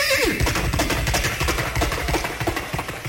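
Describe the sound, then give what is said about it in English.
A loud whinnying neigh opens, followed by a rapid, rhythmic galloping clatter that continues steadily and densely, with no speech over it: a person imitating a horse braying and galloping into a microphone, sounding out of the front end of a car on an expressway. “And so I picked up the mic and gave them the sound of a horse braying and galloping out of the front end of the car.”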